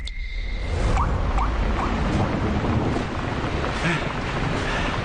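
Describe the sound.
Steady rain pours down in a dense, continuous hiss that stays loud and even throughout, with faint voices barely audible beneath it.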